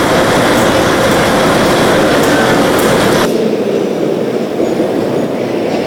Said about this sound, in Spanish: Dentro de poco vamos a abordar uno de estos trenes que desde el Atlántico va a llegar hasta La Sabana